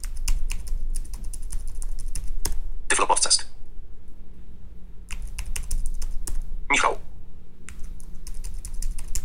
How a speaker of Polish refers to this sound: Klawiaturka jest rewelacyjna, bardzo dobry skok. Bardzo się miło na niej pisze. Śmiem twierdzić, że jest lepiej dopracowana niż ta w Braille Sensie. W Braille Sensie troszkę za bardzo tłucze.